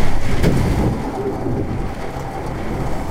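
Wind from Hurricane Isaias, with gusts topping 70 miles an hour, and sheets of driving rain pound against a building's window in a loud, continuous roar, with a deep rumbling undertone and a brief sharper gust near the start. No one speaks.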